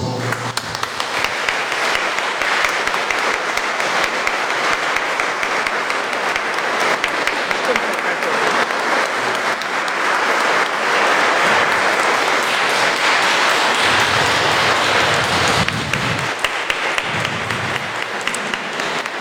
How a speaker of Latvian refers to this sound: Un, protams, lūdzu aplausi.